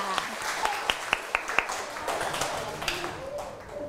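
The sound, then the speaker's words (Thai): Schoolchildren in a lesson clap their hands to welcome two teachers: a run of sharp, evenly spaced claps, then a looser patter of softer scattered clapping with faint voices in the background. “เด็กๆขอเสียงปรบมือหน่อยค่ะ”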